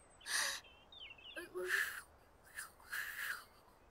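A failed attempt at whistling by the character Franklin, blowing too hard: three forceful breathy blows of air in a row, each carrying only a faint, wavering hint of a whistle tone.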